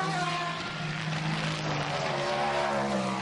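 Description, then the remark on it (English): A dense, sustained roar of several prototype race car engines passing together down at the start-finish line, loud and steady throughout, with droning harmonic tones that shift slightly in pitch and no voices. “And here comes the hordes of prototypes as well.”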